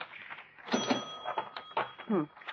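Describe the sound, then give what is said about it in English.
A cash register drawer clatters open during a holdup with a bright metallic ring that lingers briefly, followed by shuffling and rustling handling noises as money is put in a paper sack, with bits of voice mixed in. “Over to the cash register. Here. Put the money in this paper sack.”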